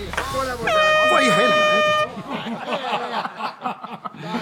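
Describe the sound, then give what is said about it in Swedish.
A loud, steady air horn blast holds for over a second, then cuts off abruptly as voices and some chuckling carry on in the background. “Tut ut, vänner!”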